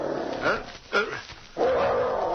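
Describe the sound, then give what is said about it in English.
Danny, a dog, sounds a warning at a stirring in the store beyond the bedroom door: a couple of short, sharp barks, then a longer, louder growling bark that rumbles on for nearly a second. “He sounded a warning, then looked at his master on the bunk. He growled louder.”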